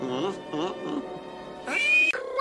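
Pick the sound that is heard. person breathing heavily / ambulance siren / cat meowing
cat meowing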